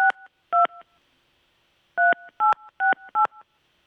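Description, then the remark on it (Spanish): A series of touch-tone phone beeps as a number is dialed: two quick tones, a pause, then four more in rapid succession, loud with no voices. “Le vamos a marcar”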